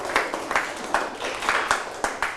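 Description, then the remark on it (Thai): A classroom full of students applauds themselves after a group activity, a dense, steady patter of many hands clapping at moderate volume with slight surges in intensity, and no voices over it. “อาปรบมือให้ตนเองอีกครั้ง”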